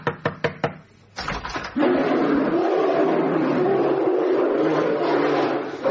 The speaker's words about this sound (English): Yeah, you see, the unmistakable sound of the sound effect disc of an enormous brown bear.